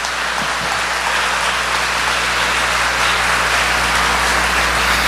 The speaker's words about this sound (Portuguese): Beija sua Bíblia, vamos aplaudir a palavra bem forte, bem forte, bem forte. Mais forte ainda.